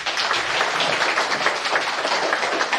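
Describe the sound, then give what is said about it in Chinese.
A crowd applauds steadily to welcome a professor onto the stage for a public lecture, many hands clapping together in a dense, even wash of sound that stays at the same loudness throughout, with no voices. “掌声有请朱义章教授登台。”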